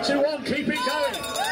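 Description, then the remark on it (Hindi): A crowd of voices imitates a police siren, cheering on police sliding to the finish line at a downhill skiing event, with loud wailing whoops that swoop up and down in pitch over a noisy, continuous din. “Police की इस अनोखी सवारी के लिए भीड़ ने भी पुलिस सायरन जैसी आवाजें निकाली और फिनिश लाइन तक फिसलते हुए जाने पर उनका उत्साह बढ़ाया।”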